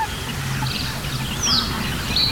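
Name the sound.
great reed warbler singing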